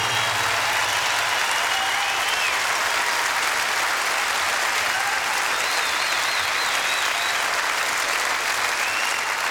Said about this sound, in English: But you know, it wouldn't have been at all possible without the best production and road crew in the entire world. And I want you to give them a big round of applause.